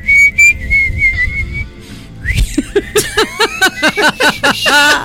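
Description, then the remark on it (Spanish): A person whistles a song's melody, starting with a long sustained note and then breaking into a quick series of short, rhythmic whistled notes that rise and fall. “Y pueden hacer el silbido.”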